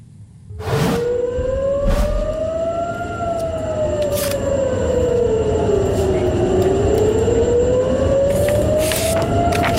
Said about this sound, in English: So the air raid sirens sounding there over Tel Aviv, central Israel, and also northern Israel, incoming ballistic missiles from Iran as yet another wave has come in.